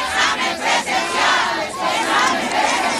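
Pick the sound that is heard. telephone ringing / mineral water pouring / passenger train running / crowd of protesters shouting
crowd of protesters shouting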